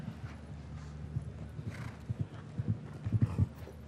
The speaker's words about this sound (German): Die Galoppade ist eher ein bisschen kleiner bei diesem kleineren Pferd.